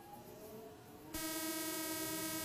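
A metro train rumbles along the rails, then abruptly grows louder with a steady, high whining drone layered over the continuous roar.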